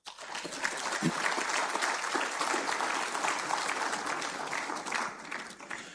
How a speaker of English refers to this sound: This special constituency meeting is occurring when the Caribbean Union Conference is celebrating our centennial year of existence. I pause for an applause.